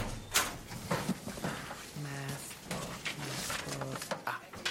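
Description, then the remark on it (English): A metal school locker door bangs open with a sharp clank, followed by a drawn-out metallic creak and a few rattles, moderately loud, with faint talk in the background. “This fell out when you opened your locker.”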